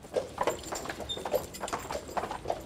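Horse hooves clip-clop in a steady, even rhythm, sharp clops landing several times a second as a horse-drawn beer wagon delivers beer in OWL, Germany, with no talking.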